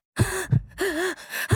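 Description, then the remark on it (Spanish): Harsh, strained agonal gasping breaths from a man after a defibrillator shock during resuscitation, several ragged inhalations in quick succession with a wavering, groaning voiced edge, fairly loud with no talking. “Y él comenzó a hacer sonidos de respiración agónica.”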